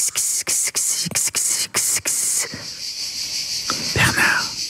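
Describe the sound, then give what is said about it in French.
Cicadas buzz loudly in a shrill, high-pitched drone, pulsing in rapid rhythmic bursts before settling into a steady continuous whine, with a faint murmur of other sounds beneath. “Et puis au sud de la France, moi, ça fait penser aux cigales, là.”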